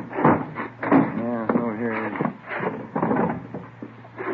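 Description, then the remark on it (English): The door of room 345 on a third floor is unlocked and swung open: a few sharp metallic clicks and rattles, then a drawn-out creak of hinges, followed by more light handling noises. “Open it up.”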